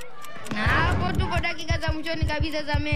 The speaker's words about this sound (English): So it's like, Juma anapiga shoti, Juma is kicking the ball, Juma is scoring the goal, and then we have like a crowd erupting situation.